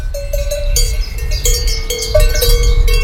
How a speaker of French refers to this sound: Tu te retrouves devant une prairie avec des vaches possédant des cloches. Découvrons la vache tarentaise.